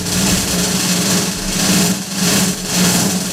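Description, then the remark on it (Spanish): A small motorcycle engine runs steadily, a loud buzzing drone that swells and dips slightly every second or so, with no voices over it. “Pone nervioso. Fuera una moto.”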